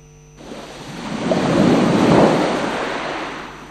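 A single sea wave surges in, swelling to a broad roaring wash of surf before slowly receding, heard alone with no voices, in a station jingle for Radio Sraka.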